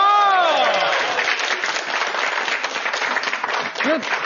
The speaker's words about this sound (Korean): 해당되시는 분들 박수 한번 주세요.